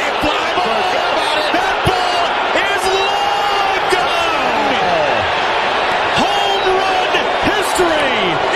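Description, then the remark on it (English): A baseball stadium crowd cheers in a loud, steady roar, with overlapping shouts and rising whoops cutting through, punctuated by a few sharp, sudden bangs. “They're wondering why they're cheering.”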